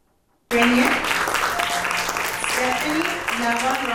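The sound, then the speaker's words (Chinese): Sustained warm applause erupts suddenly after a brief silence, a dense steady clatter of many clapping hands, with faint voices and tonal sounds mixed underneath, as students receive completion certificates at the graduation ceremony of the two-week English academy at Hsi Lai Temple, attended by nearly 80 people. “在热烈掌声中，学员一一接下结业证书，为为期两周的英文学院画上圆满句点。”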